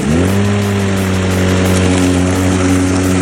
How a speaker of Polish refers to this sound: To było na przyspieszeniu. Mhm. Zobacz, ale tak, tu jeszcze nie ruszył i jest takie... O, tu był taki zryw trochę, ale nie, no dobra, to tam kosiarka. Dlatego, że tą trawę kosi.